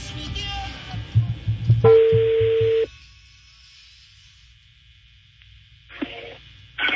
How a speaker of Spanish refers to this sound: A ver, estoy marcando otra vez. Otra vez estoy marcando.